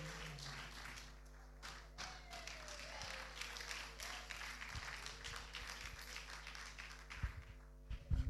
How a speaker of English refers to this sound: Wow, continue clapping okay